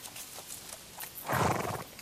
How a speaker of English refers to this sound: That sounds like a wild horse. And another one. Aha! There they are. A wild mob of brumbies ambling through the trees, enjoying the shade.